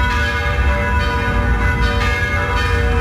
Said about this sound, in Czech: Začaly znět zvony všech pražských kostelů.